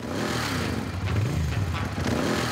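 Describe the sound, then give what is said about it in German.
A motorcycle engine starts at a tour start at the Michel and runs loud, its low rumble rising and falling as the throttle is blipped a couple of times, with no voices present. “Motor an, Kopf frei.”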